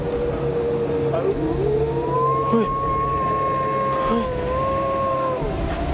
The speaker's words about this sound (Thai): เฮ้ยพี่ทำเสียงหมาหอนแล้วไหมเนี่ย ใครทำ เอ้า ไม่ได้ทำ แล้วมันหอนอะไรอ่ะ รู้แล้วหมามันหอนอะไร